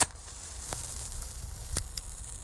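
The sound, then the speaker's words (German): A match is struck with a thumbnail: a quick scratch, then a soft, hissing flare as it catches, with a couple of faint crackles and no talking. “Danke, mein Daumennagel tut's auch.”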